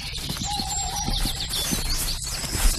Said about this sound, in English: I do know that's an owl.